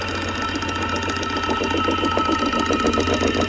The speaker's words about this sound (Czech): A jo, je to datel. A ťuká si do rytmu Rádia 1.